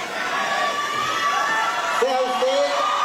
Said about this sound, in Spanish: Claudia, mentiste, le gritaban los maestros, ¿no? Claudia, mentiste. Los maestros, sí, de la CENTE